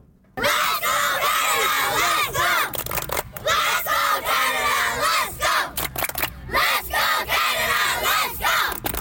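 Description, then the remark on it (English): Young soccer players from the South Burnaby Metro Club chant loudly and energetically in unison on their pitch, their high voices overlapping in a dense, sustained roar broken by a few brief pauses between phrases. “we're going to be out there again, and this time with local players from the South Burnaby Metro Club and their rather energetic chanting.”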